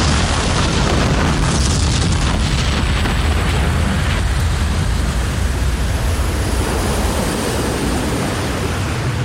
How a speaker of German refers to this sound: Schließlich riss das Schiff mit einem grellen Blitz auseinander und verschwand im leuchtenden Kugelball einer ohrenbetäubenden Explosion.